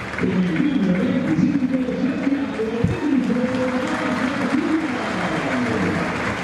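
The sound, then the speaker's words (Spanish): A large stadium crowd at a CONMEBOL match applauds Marcelo in a steady, dense wash of clapping that holds at an even loudness throughout, with a man's voice talking over it. “Buenos aplausos para Marcelo.”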